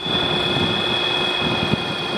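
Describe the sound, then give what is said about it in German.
An airplane's battery-powered electric motor hums overhead, barely audible, with a steady high-pitched whine over a constant, airy rumble, holding even in volume throughout with no voices. “Flugzeug hört man kaum, denn es wird von einem Elektromotor mit Akku angetrieben.”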